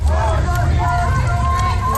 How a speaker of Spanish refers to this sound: Protestas contra la presencia del ICE con gritos como de ¿quién son estas calles? Nuestras calles.